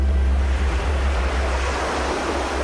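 Steady ocean surf rushes and hisses continuously, a broad washing roar with a deep low rumble underneath, fairly loud, with no voices present.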